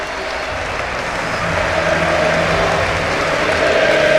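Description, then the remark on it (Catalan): A large crowd applauds in a dense, sustained ovation for basketball player Matt Costello, the clapping steady and loud and swelling slightly as it goes on, with no one speaking over it. “Ovació.”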